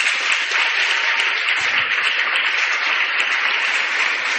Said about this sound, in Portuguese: Que Nossa Senhora Imperatriz interceda também graças e bênçãos sobre todos para as nossas comunidades, as do interior e as da cidade, as nossas palmas e a nossa gratidão.